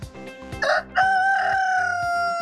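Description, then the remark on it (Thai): A rooster crows once, loud, starting with a short raspy burst and then holding a long, bright drawn-out note over a steady low rhythmic background. “แต่ถ้าเป็นตัวผู ้ rooster ถูกต้องเรียกว่า rooster”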